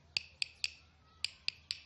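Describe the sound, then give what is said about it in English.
Six sharp, bright wooden taps on a guiro struck with a stick, in two groups of three with a brief pause between, each tap crisp and ringing slightly. “Or by tapping it with a stick.”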